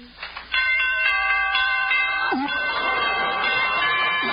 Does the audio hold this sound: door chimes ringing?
yes